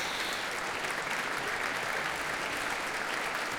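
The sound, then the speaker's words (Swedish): A concert audience at Berwaldhallen applauds as Barbara Hannigan comes out on stage once more after a performance with George Benjamin and the Swedish Radio Symphony Orchestra, a dense, even wash of many hands clapping at constant loudness with no pauses and no voices standing out. “Och hon får komma ut på scenen en gång till och ta emot publikens applåder.”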